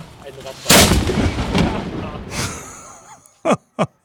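A ceremonial cannon of the Schützengesellschaft Concordia club fires a single booming shot on the Kanonsberg in Rostock, a sharp blast followed by a long rumbling echo that slowly fades, with brief gasping breaths or voices near the end.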